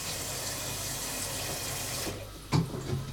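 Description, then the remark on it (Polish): A tap runs steadily into a cooking pot, filling it with water to boil for pasta, with a hissing, splashing rush for about two seconds, then cuts off, followed by a low clunk of the pot being moved. No talking. “Troszkę za mało wody. Wody musi być tak ponad połowa garnka.”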